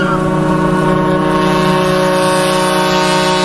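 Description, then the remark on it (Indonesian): A large ship's engine drones steadily and loudly as the ship is about to dock at a harbor pier, a constant low rumble with a humming tone and no speech over it. “sebentar lagi kapal kita akan bersandar di dermaga kampung halamannya.”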